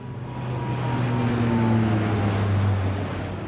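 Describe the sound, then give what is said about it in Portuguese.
An airplane passes overhead with a steady, broad engine roar and a low droning hum whose pitch sinks slightly as it swells and then begins to fade. No voices are heard. “É um avião a passar.”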